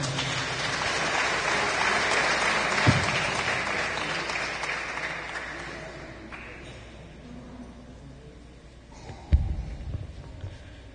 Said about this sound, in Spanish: Amén. Demos palmas al Señor.